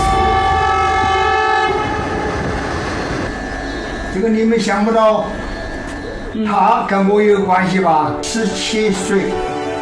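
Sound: train whistle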